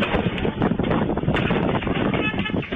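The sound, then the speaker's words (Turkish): Strong gusting wind, reaching 50 kilometres per hour in Sarıyer during a cold wave, roars loudly and continuously, buffeting against the microphone with rising and falling surges, and no clear voices cut through. “Sarıyer'de saatteki hızı 50 kilometreyi bulan şiddetli rüzgar ağacı devirdi.”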